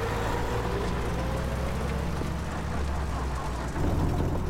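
A truck's engine rumbles steadily with a low, droning hum and broad road noise, revving slightly louder near the end as it pulls away. No voices.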